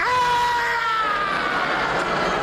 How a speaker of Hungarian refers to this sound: Szentég, mi volt ez a sikoly? Semmi. Az A épületben lakik egy fogorvos. Ő rendel otthon este 7:30.